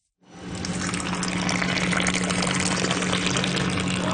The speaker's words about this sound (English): give me a big, tall pour of her finest coffee.